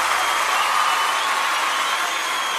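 Steady, dense applause from a crowd that is being urged to clap louder for a guest: a continuous bright wash of clapping that holds at an even, fairly loud level for a few seconds with no voices on top.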